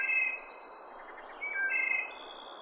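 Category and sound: bird, wood thrush song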